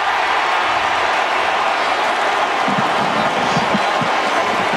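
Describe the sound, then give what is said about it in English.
A huge stadium crowd roars in a loud, sustained wall of cheering after an Oregon touchdown on a one-yard run in a football game, staying steady throughout, with no one speaking over it. “The crowd roars.”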